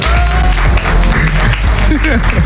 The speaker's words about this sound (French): Est-ce qu'on peut applaudir très fort